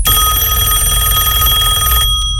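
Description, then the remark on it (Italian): A loud telephone bell rings continuously for about two seconds, a bright metallic trill with steady harmonic tones, then cuts off abruptly into near silence with a faint click, before an answering machine message. “Non vedi che c'è la segreteria telefonica, ma sta a disturbare?”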